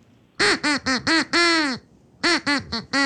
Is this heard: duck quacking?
yes